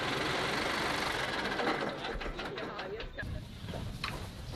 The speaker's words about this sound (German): Wir können schon sehen, dass unser Opa wiederkommt. Dieser Traktor.